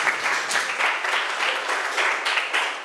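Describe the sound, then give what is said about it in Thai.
A group of students claps steadily for a classmate for a few seconds, a dense, continuous patter of many hands with slight swells in loudness and no voices. “ตบมือให้เพื่อนหน่อยค่ะนักเรียน”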